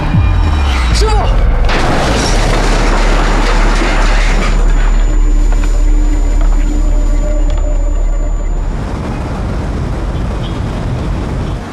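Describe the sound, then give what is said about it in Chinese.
A powerful explosion erupts inside, its deep boom rolling into a dense, sustained roar of rumbling and crackling that fills the whole stretch before easing slightly toward the end. “在里边爆炸呢，被钢板砸了。”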